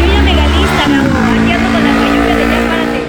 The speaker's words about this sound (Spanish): No, y una moto, ¿no? Se oye más la moto, sí.